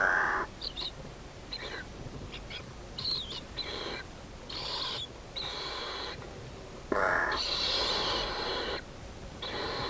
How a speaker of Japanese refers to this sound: ルリカケスです。